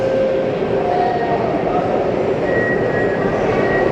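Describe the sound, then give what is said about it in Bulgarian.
A metro train rumbles steadily and loudly at the new Stadion Georgi Asparuhov station on line 3 of the Sofia metro, Bulgaria, its motor whine holding several sustained tones over broad, constant mechanical noise throughout. “Генерал Владимир Вазов, Бесарабия и стадион Георги Аспарухов, на която сме и ние в момента. Първият влак, метровлака,”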